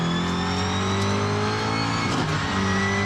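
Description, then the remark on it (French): A car without ABS roars steadily on the Christophe Maison race circuit, drifting in third gear as its tyres lock and it runs into the dirt; its buzzing mid-pitched tone holds loud and constant before briefly dipping and climbing again as it accelerates, with no one speaking. “Hop, il n'y a pas d'ABS, on bloque un peu les pneus, hop, ça sort dans la terre.”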